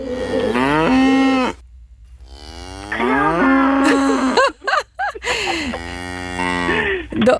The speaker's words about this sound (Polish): To jest krowa, dokładnie.